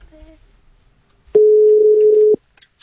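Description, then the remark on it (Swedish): A single steady telephone line tone sounds for about a second, loud, as P4 Stockholm on Sveriges Radio places a phone call, starting and stopping abruptly after a brief faint stretch of quiet background. “och vi lyfter på luren igen.”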